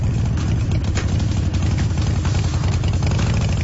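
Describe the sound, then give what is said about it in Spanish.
A motorcycle engine idles steadily, a deep rumbling throb with a loose, pulsing rhythm that holds constant throughout, with no voices present. “¿Escuchaste eso? Suena dinero y a auto nuevo.”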